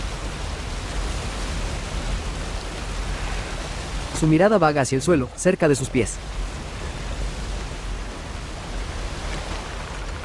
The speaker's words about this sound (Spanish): Una cascada cae por una pared de roca. La cascada alimenta un gran estanque.